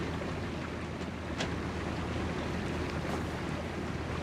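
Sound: boat on water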